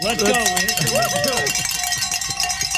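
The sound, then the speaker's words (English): A bell is rung during a radio station fundraiser when a listener calls in, giving a steady, sustained metallic tone while excited voices whoop and cheer over it, the cheering fading after the first second and a half. “Oh, okay, somebody just call in. Ring a bell.”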